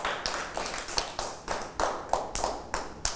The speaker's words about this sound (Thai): ปรบมือให้ตนเองดังๆด้วย